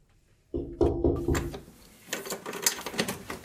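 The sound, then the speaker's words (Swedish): A basement door in a small terraced house in Tommelilla, opening onto a basement lounge used for BDSM events, swings open with a low, groaning creak that pulses a few times, followed by a run of rattling clicks and shuffling, moderately loud with no talking. “öppnar dörren till sin källare i det lilla radhuset i Tommelilla.”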